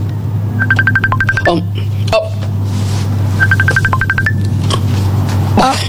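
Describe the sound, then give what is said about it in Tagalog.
A cellphone rings with rapid electronic trilling beeps in two short bursts, a pause between them, clear over a steady low background hum. “Ay, ang cellphone mo, nagaring.”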